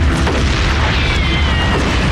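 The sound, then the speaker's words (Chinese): A loud, dense burst of sharp gunfire with booming blasts, crackling continuously, filling the whole moment without any voices. “伴随着这阵疼痛，他听到一阵凌厉的枪声，眼里又闪现出一片火光。”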